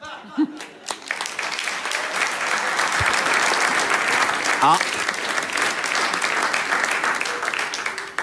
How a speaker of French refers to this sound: Messieurs passagers, par applaudissement, est-ce que vous pensez que je massacre les chansons?